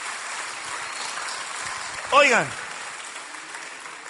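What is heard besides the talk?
applause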